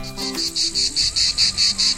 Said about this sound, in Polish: Doskonale kojarzycie ten dźwięk, prawda? To cykady. Ich charakterystyczne, jednostajne, nienudne koncerty są częścią naszych wakacyjnych poranków, czasami wieczorów, dni po prostu, wakacyjnych spotkań i wspomnień.